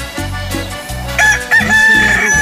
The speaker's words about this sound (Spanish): ¡Ah! ¡Qué bonito canta mi gallo! ¿A poco no? ¡Canta precioso y chulo de precioso!